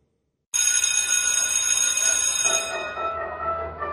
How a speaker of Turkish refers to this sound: Oh, ne güzel çalıyor değil mi? Ya insanın içine huzur veriyor. Anne babaların bu ara en sevdiği parça okul zili.